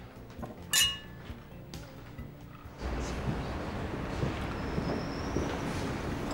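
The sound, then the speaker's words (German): A single bright, ringing clink of glasses touching in a toast, clear, followed by a steady wash of background noise that rises and continues to the end. “Jetzt lass uns die Arbeit vergessen und auf uns anstoßen.”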